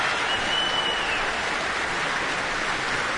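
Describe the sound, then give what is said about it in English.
Steady, dense applause from a large audience at an orchestral concert, a continuous hiss of many hands clapping at an even, loud level throughout, with no voices standing out. “Well, very, very enthusiastic applause from the audience, as you can hear.”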